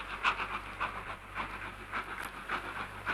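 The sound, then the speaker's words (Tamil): A moving train rumbles steadily on its rails, with soft rhythmic clacks repeating about twice a second over a low, constant drone, with no one talking. “நான் ஏன் இந்த ட்ரெயின்ல போயிட்டு இருக்கேன் தெரியுமா?”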